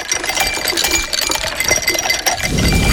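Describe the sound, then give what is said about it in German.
Ice cubes rattle and clink against a glass in a quick, busy flurry of bright taps, fairly loud, with a low rumble creeping in at the end. No one speaks. “kannst du bitte nochmal die Eiswürfel?”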